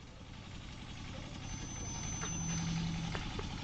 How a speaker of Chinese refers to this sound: 哎呀，建国啊，把你那个拖拉机关了！